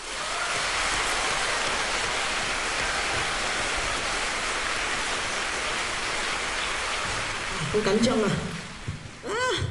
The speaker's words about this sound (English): And I think for that, we have to give your teachers a round of applause.